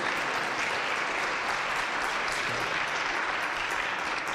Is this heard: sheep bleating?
no